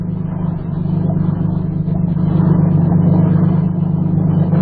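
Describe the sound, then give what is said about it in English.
A motorboat engine drones steadily with a deep, buzzing hum that grows slightly louder partway through as the boat comes alongside. No voices are heard. “And just in case you might start talking when that motorboat comes alongside, I'll put this gag in your mouth.”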